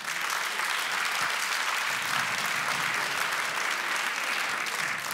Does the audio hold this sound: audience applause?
yes